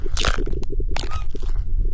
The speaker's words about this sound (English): The gurgling noise that you hear apparently is the creator recorded his own stomach gurgling.